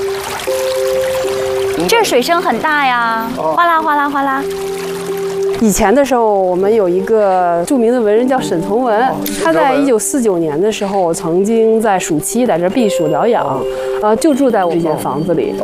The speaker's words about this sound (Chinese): 这水声很大呀，哗啦哗啦哗啦。